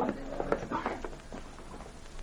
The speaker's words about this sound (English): That same night, Sergeant Preston brought his horse to a stop in front of the Northwest Mounted Police headquarters in Dawson City.